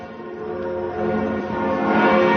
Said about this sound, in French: C'était peu avant 10h et dans la foulée, partout en France, les cloches des églises et ici de la cathédrale Notre-Dame se sont mises à sonner avec déjà beaucoup de monde autour.